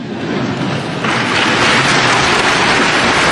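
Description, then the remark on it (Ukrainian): A large crowd applauds in a dense, steady wash of clapping that swells louder about a second in and stays strong to the end, with no voices heard. “Ну, калі такие аплодисменты, дык докладно можно просить усё, что за угодно.”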